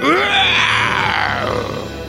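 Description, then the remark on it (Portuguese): A voice imitates a hoarse lion's roar: one long, raspy, growling cry lasting about two seconds, loud throughout, with a rough strained pitch that slowly falls toward the end. “Aí ele falou: ai, parece o rugido daquele leão que me poupou.”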